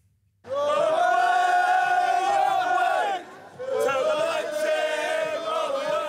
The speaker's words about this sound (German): Kleine Gesangseinlage vor dem übergroßen Conference League Pokal.